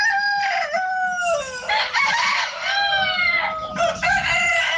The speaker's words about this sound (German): Ja, denn in Randersacker, da krähen die Hähne um die Wette.